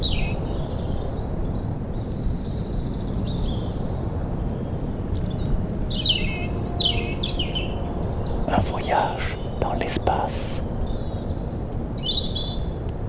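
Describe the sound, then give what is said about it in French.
Several birds among ferns sing and chirp in bright, scattered phrases over a steady low roar of the ocean, near the Coubre lighthouse, with a few sharp clicks midway and a man speaking briefly. “Des oiseaux de la fougère.”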